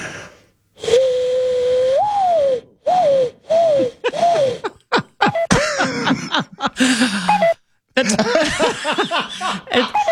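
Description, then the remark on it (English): A person imitates a pigeon or dove, starting with a long sustained hoot and moving into a string of short rising coos. Breathy, throaty snorts and hissy bursts break up the pattern, fairly loud and solo. “This is your pigeon dove for your morning commute.”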